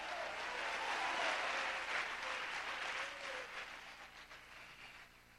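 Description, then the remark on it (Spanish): A church audience applauds for the word of God after preaching, with dense, steady clapping that swells early and then gradually fades over several seconds, with no clear speech on top. “Un aplauso por la palabra de Dios, aleluya.”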